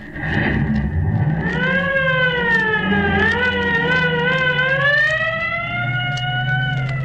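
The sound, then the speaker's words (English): A police squad car pulls away, its siren wailing steadily, the pitch rising and falling in slow sweeps over the low rumble of its engine, loud with no talking. “Here's the squad car here. Get in. All right, buddy, let her go.”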